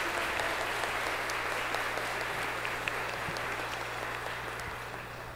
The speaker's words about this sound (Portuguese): Quem são os escoteiros? Levante o braço bem alto. Olha quantos. Vamos aplaudi-los. Deus abençoe vocês.